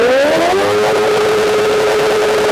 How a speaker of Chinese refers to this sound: 咱们现在测试一下这辆车，就这辆改装过的摩托车，啊，它这排气管在咱们点火拧油门的情况下能达到多少分贝？